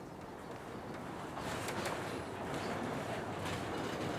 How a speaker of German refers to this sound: Mit 240 Promille Steigung geht es nun, wie versprochen, an der Westseite des Mont Blanc-Massivs entlang. Ein schneller Blick in den Abgrund, dann wird einem kurz schwarz vor den Augen, bevor der Zug am Nidegel, dem Adlernest, endet.